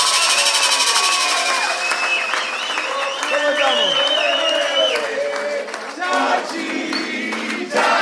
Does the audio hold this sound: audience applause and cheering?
yes